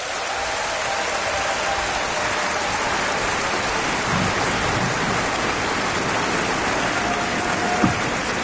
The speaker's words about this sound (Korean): 극동방송 창사 70주년을 기념하는 2026 부활절 음악회, 그 환희의 문을 열어준 전북 광주 극동방송 어린이 합창단에게 다시 한 번 더 큰 박수 부탁드립니다.